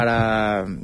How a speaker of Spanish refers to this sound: No, voy a poner una alarma. Es una alarma. Es que esa es la alarma que yo tengo para despertador